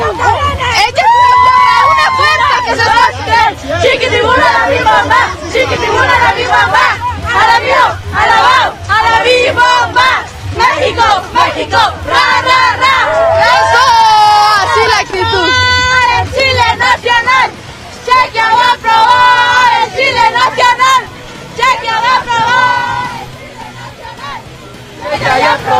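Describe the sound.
A loud, dense crowd of Mexico national team fans celebrating in the rain at the Fan Fest in the Zócalo, with many overlapping voices shouting and chanting in waves over a steady low rumble, the noise barely letting up throughout.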